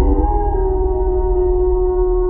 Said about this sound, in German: Ein Laut aus einer anderen Zeit. Unverwechselbar. Der Wolf. Der Wolf im Oberland.